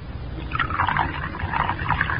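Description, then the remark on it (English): A thin stream of liquid pours steadily from a bottle into a cup of cocoa for a couple of seconds, splashing and burbling over a low background rumble. “Now unscrew the top. That's it. Now pour it into the Coco.”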